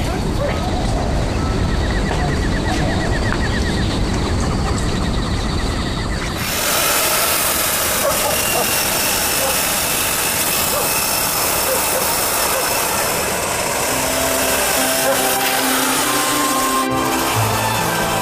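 A chainsaw roars loudly and steadily as it cuts down a tree, its engine pitch shifting partway through as the blade bites into the wood, the harsh buzzing continuing for the whole stretch.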